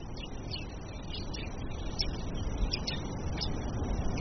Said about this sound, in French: Donc on voit effectivement qu'il y a encore une activité biophonique qui est caractérisée par des chants d'oiseaux.